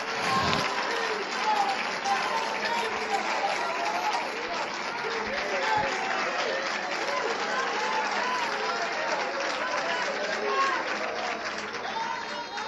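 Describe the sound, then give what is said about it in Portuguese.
An audience claps steadily in a dense, continuous wash of applause lasting throughout, with voices and cheers mixed in under the clapping. “Aplaude mais, aplaude mais.”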